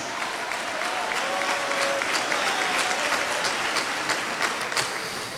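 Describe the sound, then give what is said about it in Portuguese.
A crowd applauds steadily in praise of God, a dense wash of many hands clapping at an even loudness throughout, with a few sharper claps standing out and no one speaking over it. “Pode dar um aplauso caprichado para esse Deus maravilhoso.”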